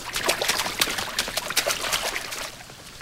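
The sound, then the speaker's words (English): Wet splashing as people run across a large, ankle-high puddle of water in a flooded corridor, feet sloshing in quick, uneven steps, with a continuous watery trickle underneath; the splashes ease off toward the end. “Looks like Moaning Myrtle's flooded the bathroom. Ankle-high water fills the corridor.”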